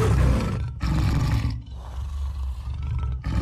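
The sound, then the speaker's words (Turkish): A tiger roars in deep, rumbling bursts, loud, with a brief pause before a long, growling roar that rolls on and trails off. No one speaks. “3 kilometreden fazla mesafeden duyabildikleri kükreme sesinden birbirlerini tanıyabilir, ihtiyacı anlayabilirler.”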